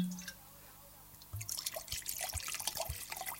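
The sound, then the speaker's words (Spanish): Wine pours from a bottle into a glass, a bubbly gurgle with small splashes and drips that starts after a short quiet moment and keeps going. “Abre el vinito y después me dice. Primero abra la botella y después primero vamos a, lo primero, lo primero.”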